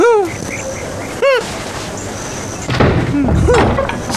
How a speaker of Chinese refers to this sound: 怎么样，开门了吧？